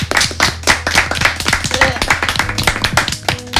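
Brisk, uneven clapping from several hands on a radio show, applauding a journalist's final news bulletin, a dense patter of sharp claps that stays fairly loud throughout, with a faint murmur underneath.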